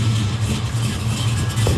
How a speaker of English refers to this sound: Let's go hear the jalopy sound.